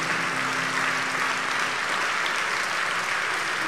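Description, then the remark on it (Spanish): An audience applauds in praise of God, a dense, even wash of many hands clapping at a sustained loud level with no break and no voices standing out. “Dele fuerte ese aplauso al que vive, alábelo con todo el corazón, mi hermano.”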